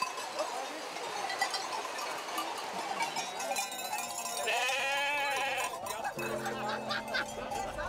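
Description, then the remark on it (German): Sheep bleat repeatedly over a busy backdrop of clanking cowbells and murmuring people during a sheep drive with herders, in poor, wet weather, the wavering cries overlapping at a moderate level throughout. “Es sind meistens mehr Leute als Schafe.”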